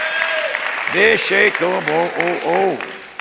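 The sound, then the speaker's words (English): At a church service, an audience claps steadily in a dense, continuous wash of applause while many voices rise together over it, loudly chanting the phrase "He's real tonight." “If he's real to you, clap your hands and say, he's real tonight.”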